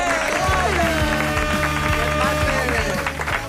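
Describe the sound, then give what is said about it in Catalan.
An audience applauding steadily as a guest performer is welcomed, over an upbeat music track with a regular thumping beat, the clapping a dense, crackling wash that stays loud throughout. “I no deixem d'aplaudir perquè ja tenim aquí el seductor de Ponent.”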